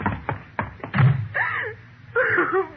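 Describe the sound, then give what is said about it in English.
A door shuts with a few sharp knocks and thuds, followed by clicking as it is locked, then a voice calls out loudly twice. “unlock this door.”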